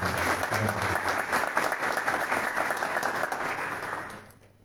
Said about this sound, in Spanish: Y en eso hay que destacar a los hermanos Gremo. Así que yo pido un aplauso a estos dos que colaboraron muchísimo.